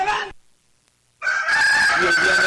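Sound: rooster crowing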